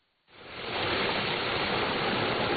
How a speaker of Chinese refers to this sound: 8月6号，随着艾里克塔木取首的电子闸门缓缓抬升，塔里木河的最长源流叶尔羌河河水奔涌而下，水流一路绵延超过350公里，在与和平河交汇后最终汇入塔里木河干流。